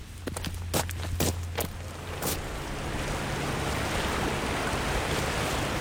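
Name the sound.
river water flowing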